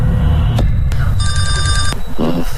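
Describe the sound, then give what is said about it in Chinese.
A telephone rings once in a short trilling burst, framed by sharp clicks, over a steady low rumble, with a brief voice murmuring just afterward. “此时司马念祖正在等着黄世同的电话。”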